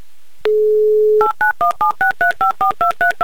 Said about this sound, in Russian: Набрал номер телефона Радика, звоним им в Ульяновск.